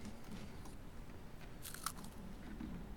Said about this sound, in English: Well, this is a marvelous cookie. Sweet with an excellent crunch. Perfect to follow a dinner. Or just after breakfast. And prior to lunch. Crisp, but not overly brittle.